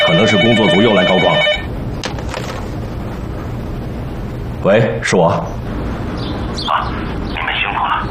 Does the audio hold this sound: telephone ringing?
yes